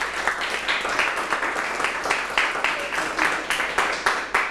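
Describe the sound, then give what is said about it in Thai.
A class of students applauds steadily for several seconds during a maths lesson, a dense, bright patter of many hands clapping at once, fairly loud and continuous with no one speaking over it. “แสดงว่า30วันเป็นคำตอบที่สมเหตุสมผลปรบมือเสียงดังให้”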